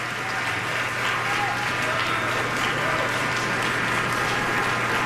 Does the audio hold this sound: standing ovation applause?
yes